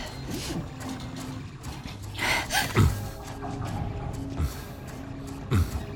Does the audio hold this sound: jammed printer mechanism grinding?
yes